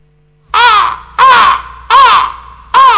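Harsh, raspy bird screeches repeat four times in a steady rhythm, each loud, with brief gaps of quiet between calls and no talking.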